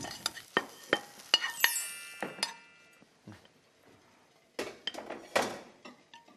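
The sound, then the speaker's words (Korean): Repeated scraping and clinking of a utensil against a pan or tray as stir-fried shiitake mushrooms, seasoned with salt and sesame oil, are spread out wide to cool. Sharp irregular knocks come in two clusters with quieter rustling between, without speech. “이렇게 제가 넓게 펼쳤습니다.”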